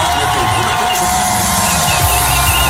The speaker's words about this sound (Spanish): Así vitoreaban el inicio de la entrevista en Antena 3.